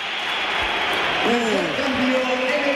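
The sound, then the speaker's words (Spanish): A football stadium crowd at the Bernabéu applauds as Vinicius is substituted off and applauds them back, a steady, dense wash of clapping throughout, and a man's voice starts talking over it partway through. “Va a entrar Álvaro Carrera, se va Vinicius, que ahora él aplaude al Bernabéu, se lo devuelven, pero al principio ha habido un poquito de sí, todo.”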